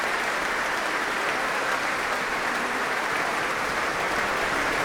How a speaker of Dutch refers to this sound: Een buiging van Mirella Hagen en mezzosopraan Olivia Vermeulen. Applaus ook van de muzici van het orkest voor deze twee zangeressen.